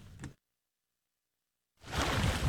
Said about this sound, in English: Beautiful. Wow. That's the sea. The Baltic Sea. The white sands of Swiecewo Beach in northern Poland look too pristine to be real.